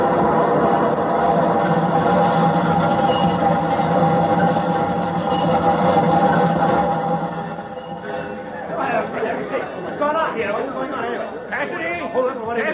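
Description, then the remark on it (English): A train rumbles steadily along the track for several seconds, a dense, droning roar with a low hum, then it fades and voices talk over the quieter background. “Throw that switch, California, but wait till it's too late for the engineer to stop on the main track.”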